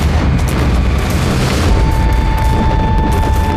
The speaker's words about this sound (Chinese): 三年前我在那里开办过合作社，哪里想到我还没走到镇子，枪声四起。